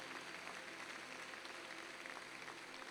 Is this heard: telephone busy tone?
no